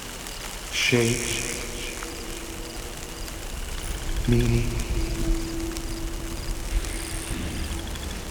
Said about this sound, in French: Une douce pluie a commencé.